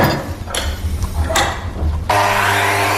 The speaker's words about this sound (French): Et après, Florian, il les coupe, il les scie, il les met à la côte.